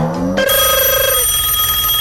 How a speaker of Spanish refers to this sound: Y de repente suena el teléfono.